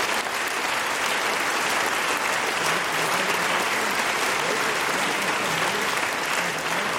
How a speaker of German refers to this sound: Vielen Dank und viel Applaus heute Abend. Dankeschön.